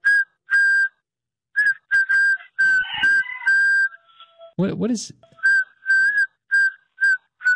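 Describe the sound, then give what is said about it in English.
A man whistles Happy Birthday into a phone in short, clear notes with gaps between phrases, sounding thin and slightly breathy over the phone line; a brief voice cuts in midway. “Oh, he's whistling happy birthday.”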